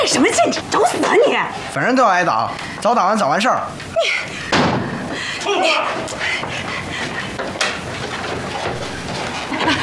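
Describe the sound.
A door bangs open partway through with a sharp, loud thud, amid agitated, raised voices and a busy, noisy room.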